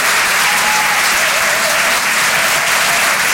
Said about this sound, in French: Merci. Merci d'applaudir très fort pour sa première ce soir sur les chansons de Comedy Club